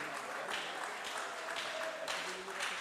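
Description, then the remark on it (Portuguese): A church audience claps steadily for about three seconds, cheerful applause for King Jesus as a singer is welcomed to sing praise, a dense, even patter of many hands with faint voices murmuring underneath. “Vamos recebê-la com as palmas bem alegres para o Rei Jesus.”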